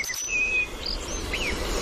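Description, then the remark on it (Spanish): Thin, high, warbling whistles of a European robin singing, a few short phrases drifting over a steady outdoor background hiss, recorded on a phone and identified by the Merlin bird app. “Petirrojo europeo.”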